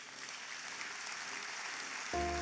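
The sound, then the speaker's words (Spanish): An audience claps steadily, a dense crackling spatter of many hands that holds at a constant level, before a low sustained organ-like tone enters near the end. “Dese un aplauso.”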